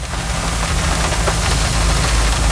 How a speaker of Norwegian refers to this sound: Det eneste jeg hører lyden av regnet mot bilruta, men vi tek likevel opp lyd.